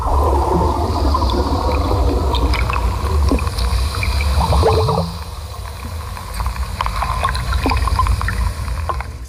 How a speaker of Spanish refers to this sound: A ver, cristales rozándose, submarinistas buceando, cascabeles de un vestido o meteoritos cayendo a la vez. A ver, meteorito. Bueno, estaba Aranguena cuando cayeron meteoritos ahí cogiendo el sonido.